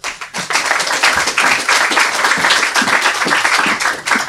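An audience claps steadily for several seconds, a dense, even patter of many hands that starts abruptly and stays loud throughout, with no voices rising above it, welcoming a young girl who is introduced to read her story.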